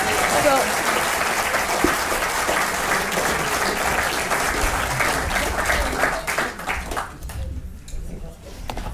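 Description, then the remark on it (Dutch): Sustained audience applause after a short performance, a dense wash of many hands clapping at steady loudness that thins and fades out over the last couple of seconds. “Groot applaus, alsjeblieft.”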